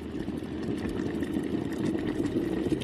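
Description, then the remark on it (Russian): A samovar sings as it nears the boil: a steady, dense low rumble with a faint, wavering higher hum above it, continuous and even in loudness throughout, with no voices. “Слышите, как он поет? Закипает.”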